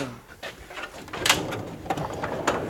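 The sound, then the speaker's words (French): A museum specimen drawer is pulled open, giving a few short scraping slides and light knocks over about three seconds, with quiet room noise between them. “Très bien, alors là, ça donne envie de les ouvrir, ces tiroirs.”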